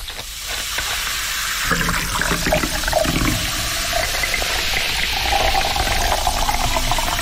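Colombiana soda pours steadily and fizzes, a continuous bright hissing crackle of carbonation with a liquid gush underneath, fairly loud, lasting several seconds with no voices.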